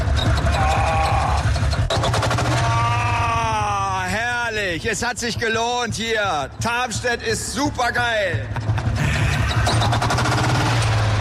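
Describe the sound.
A very old tractor engine at the Tarmstedt exhibition (Tarmstädter Ausstellung) in Lower Saxony chugs in a fast, even rhythm of low pulsing thumps that runs throughout, with a man talking loudly over it through the middle.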